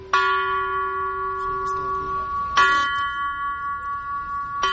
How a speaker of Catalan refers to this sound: Així sonen els tres primers prototips de les campanes que va començar a dissenyar Gaudí per col·locar-les a la Sagrada Família.